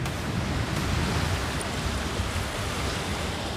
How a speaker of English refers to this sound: There's a storm on its way, too. The wind's starting to blow.